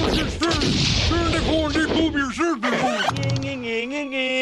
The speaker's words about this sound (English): Hey, what are you shooting at me for?